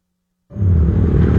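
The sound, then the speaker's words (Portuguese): After a brief silence, a motorcycle engine suddenly roars in, a loud, low, rumbling drone that holds steady to the end with no voices. “Amor, ouviu essa moto?”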